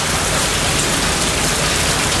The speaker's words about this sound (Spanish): Está lloviendo, ¿eh? Está lloviendo. ¿Eh? Lluvia de forma intermitente que incluso tuvimos durante toda prácticamente la madrugada. Y fue con ganas, ¿eh?